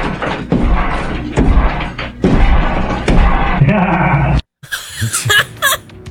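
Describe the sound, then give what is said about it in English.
A man smashes through a wall, using a hammer and an electric trimmer, with loud, continuous crashing, splintering and heavy thuds for about four seconds, then a brief silence before shrill, wavering shouts; recorded on a phone. “Here's the audio of the crazy man coming through the roof. I mean, through the wall.”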